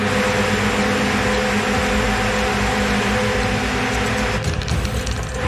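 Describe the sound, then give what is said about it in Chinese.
A small airplane motor buzzes steadily and loudly for the whole stretch as a young contestant's plane bobs up and down while trying to take off in a flying challenge, a constant droning whine with a slight wavering change in tone near the end, with no voices. “他的飞机呢在上下晃动”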